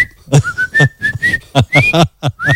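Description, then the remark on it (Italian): Someone whistles in a thin, wavering tone, sliding upward in short glides, broken up by quick rhythmic bursts of breathy noise. “E l'altro gli risponde fischiando e facendo i gesti.”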